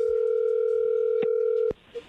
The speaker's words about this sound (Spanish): Ahí se está marcando. No haga ruido.